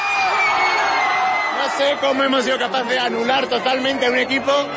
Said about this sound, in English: in shock, as fans leapt and shouted around him.